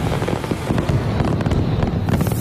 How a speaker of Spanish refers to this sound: esto termina con muchos fuegos artificiales. Sí, deja un poquito el ruido de los fuegos artificiales. Mirá qué lindo. Escuchá, escuchá, escuchá.